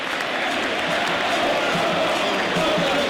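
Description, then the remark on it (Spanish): A large stadium crowd of Vélez supporters applauds loudly and steadily, a dense wash of clapping with a faint murmur of cheering mixed in, continuous throughout, cheering their team during a football win over Tigre. “El hincha de Vélez se dio cuenta que tenía que empujar al equipo cuando Tigre, con astucia, escuchen el aplauso porque vale la pena.”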